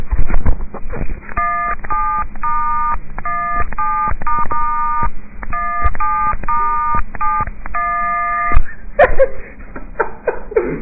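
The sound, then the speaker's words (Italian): A famous cover song tapped out on cellphone keypad tones, a string of short beeping dual-tone presses in a rhythmic tune, slightly muffled as if played through a phone. “adesso Shine ci suonerà una cover famosa”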